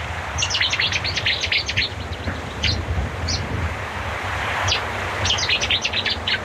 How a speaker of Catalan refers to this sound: Rossinyol bord. Ketia keti. Habita tot l'any al riu i a les zones humides.